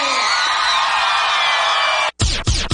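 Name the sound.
crowd shouting and cheering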